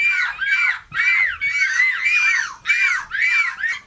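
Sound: people imitating seagull calls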